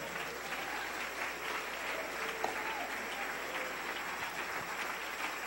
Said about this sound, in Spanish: Dele ese aplauso al Rey.